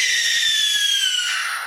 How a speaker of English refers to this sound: You might think that's a screech owl, but no, that piercing scream came wrenching from the throat of an owl with a heart-shaped face, the tawny-colored barn owl.